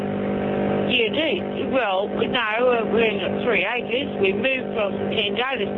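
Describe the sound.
A lawn mower engine drones steadily underneath as someone mows the lawn on a 3-acre property, a constant low hum that never lets up while a person talks over it throughout.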